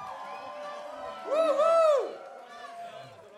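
An audience applauds and cheers in a steady wash of crowd noise, with a pair of loud rising-and-falling whoops standing out midway before the noise settles again.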